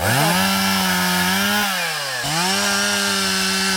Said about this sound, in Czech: Nejprve si tady dobrovolníci nařezají kusy dřeva, pak se chopí lopat a krumpáčů a v jedné z prohlubní v lese začínají vykopávat strouhu.